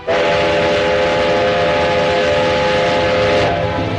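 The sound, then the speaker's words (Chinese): A train rumbles along the tracks, loud, while a long steady whistle blares over the noise for nearly the whole stretch before easing slightly near the end. The railway has resumed running, and the train is carrying boxes of oracle bones to Nanjing. “铁路恢复运行，甲骨箱也被装车运往南京。”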